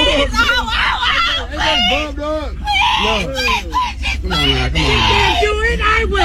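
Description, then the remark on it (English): A woman lets out loud, high-pitched shrieks and squawks in wavering bursts that sound like a distressed chicken, during a fight between two women in which one bit the other's leg, over a noisy, chaotic background commotion. “She sounded like a chicken. Like a chicken was getting bitten.”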